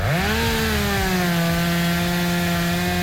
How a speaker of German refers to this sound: So, aufräumen mit der Kettensäge.